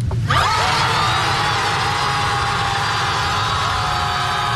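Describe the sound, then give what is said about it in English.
A large crowd of more than a hundred people yelling together at the ocean, a loud, sustained roar of voices that starts abruptly and holds steady, with a low rumble underneath. “By the way, what does it sound when more than 100 people yell at the ocean?”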